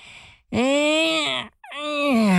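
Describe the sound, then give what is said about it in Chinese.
A male performer acts out a big, drawn-out yawn as the character Qiao Mao pretending to yawn: a breathy intake, then a long rising-and-falling vocal moan, followed by a second stretched groan, loud with no words. “想到这儿啊，乔茂假装打了个哈欠。”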